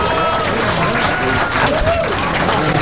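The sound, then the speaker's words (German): A crowd applauds steadily for about three seconds on the Star FM Rock Top 30 radio chart show, dense unbroken clapping at a constant loud level, with a few cheering voices rising and falling inside it. “Zeit für den ersten Applaus.”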